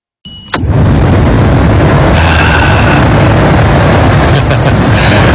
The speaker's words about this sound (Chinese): 有没有体会得到心静自然凉的感觉？就光是听下空调的声音，真的都身上皮肤各方面都有感觉的嘛，朋友。